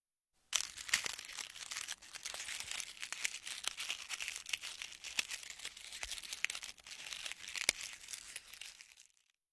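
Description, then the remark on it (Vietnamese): Thin, crispy food being bitten and crunched, a steady dense crackle with sharper snaps scattered throughout for several seconds, with no voices. “Đúng là cảm giác cắn vào cái gì đó mỏng và giòn nhỉ”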